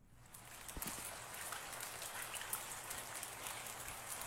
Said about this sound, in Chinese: 哇，好久没听过这声音了。我想 下雨了。